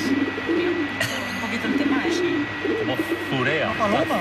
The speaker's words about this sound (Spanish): Son palomas. Son palomas. Las aves urbanas por excelencia. Seguramente están presentes en casi todas las ciudades del mundo, junto a tórtolas, gorriones comunes, mirlos, vencejos. Pero esto no es una torcaza.